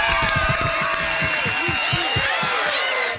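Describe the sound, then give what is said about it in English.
A loud, sustained round of applause, dense clapping mixed with cheering and shouting voices from a crowd, continuous from start to finish with no pause. “Wrong place for it, I admit it, but this guy deserves a round of applause.”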